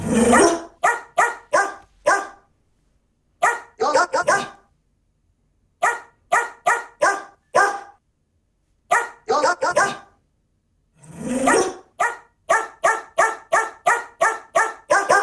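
A dog named Cora barks out a song melody in loud, pitched yips, grouped into rhythmic phrases of several quick barks separated by short pauses, with no one talking.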